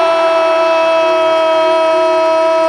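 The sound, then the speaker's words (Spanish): A loud basketball arena buzzer blares in one long, unbroken electronic honk, holding a steady harsh tone for the whole stretch with faint crowd noise underneath, sounding as Dominic Mabra scores a three-pointer at the buzzer. “Sobre la bocina, triple de Dominic Mabra.”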